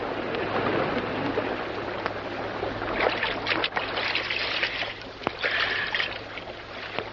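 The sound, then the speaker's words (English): Water rushes steadily and loudly throughout, a dense churning wash with brief splashy surges near the middle and toward the end, with no voices heard. “Brace yourself so the last rush of water does not knock you from your feet.”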